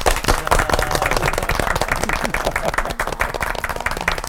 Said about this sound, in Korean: 이게 바쁘신 가운데 한 자리에 와주신 이 설교 사총사 네 분께 우리 특별히 마음 모아서 박수.